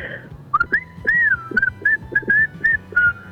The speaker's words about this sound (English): Show us, be loud and proud. Go ham on the whistling.